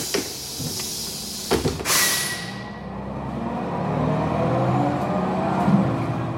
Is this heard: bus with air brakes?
yes